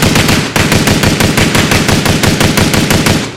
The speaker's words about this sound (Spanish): Fíjense, le puse una persona que está disparando y nunca supo cuántos disparos fueron. Ustedes que me están escuchando, ¿saben cuántos disparos pasaron en esta sesión de disparos? Oigan, mucha atención.